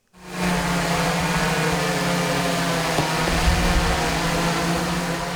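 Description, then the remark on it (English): An Amazon delivery drone, trialled in County Durham, England, and able to carry shoebox-sized parcels, flies steadily. Its rotors make a loud, continuous whirring drone with a strong low hum and a hiss over it. The sound stays even for several seconds, with no talking. “Yeah, Amazon has become the first retailer in the UK to offer a drone delivery service, but right now it's only being trialled in County Durham in England.”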